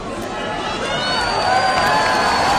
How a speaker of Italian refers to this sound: Accogliamola con un caloroso applauso.